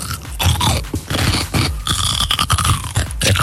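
Wet crunching of someone biting into and chewing a pickled or lightly salted cucumber, a rapid series of loud, juicy crackling bites and chews with no talking.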